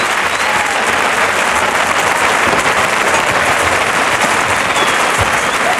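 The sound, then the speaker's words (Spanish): A large bullring crowd applauds the bull steadily, with Herrera also applauding it, a dense, continuous roar of clapping that stays loud and even for the whole stretch, with no voices standing out. “Herrera aplaudiendo al toro también, claro.”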